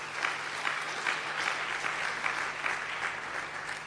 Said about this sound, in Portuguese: Por isso quero pedir uma grande salva de palmas para eles e elas.